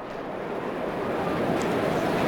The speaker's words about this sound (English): Well, there's an aeroplane right above us.